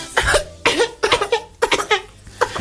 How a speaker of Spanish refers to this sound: Tengo ganas de toser. ¿Qué te pasó? Tengo ganas de toser. ¿Tenés carraspa?